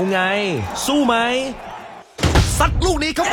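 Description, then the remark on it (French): A single solid thud of a man shutting his refrigerator door midway without touching the cold bottle of beer inside, loud, with voices talking before and after it. “Mais sous le regard un peu anxieux et encourageant de sa femme et de son fils, il referme la porte sans y toucher.”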